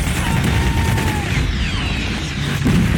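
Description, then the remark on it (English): A loud, unbroken battle din of gunfire and RPG explosions amid barricades and smoke, a dense rumbling roar with a thin whistling tone sliding through it and no single shot standing apart. “barricades, gunfire and smoke. They're shooting RPGs.”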